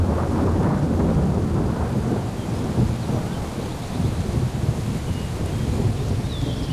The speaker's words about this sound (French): L'orage s'est déplacé au dernier moment. On n'a reçu que quelques gouttes.